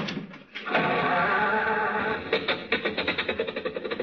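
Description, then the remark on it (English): A car engine cranks over with a harsh, noisy grind, then settles into a rapid, sputtering chug that quickens toward the end as the car starts. It is fairly loud, with no talking. “Now, look, stop with the jokes and start the car, will you?”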